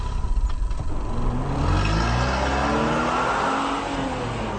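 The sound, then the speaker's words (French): A car engine cranks with a quick stuttering pulse, then catches and revs up, its rising harmonics sweeping upward before settling into a steady, loud roar. “Rapidement, montez à bord de la voiture là. On démarre maintenant.”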